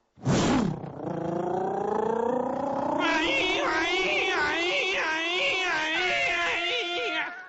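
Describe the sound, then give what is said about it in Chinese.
A single voice mimics a police siren: a sharp opening yelp, a long wail climbing in pitch, then a loud wavering up-and-down warble that sounds more like an animal's howl. “你这哪是警笛叫唤呢？ 啊， 整个一个警犬叫唤呢！”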